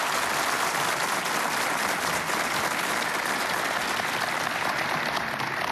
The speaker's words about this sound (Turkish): Ve her notayı ince ince işleyecek kıymetli orkestramız için de sizlerden kuvvetli bir alkış rica ediyorum.